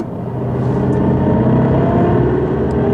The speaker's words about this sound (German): Ich fahre Sie im Wagen hin.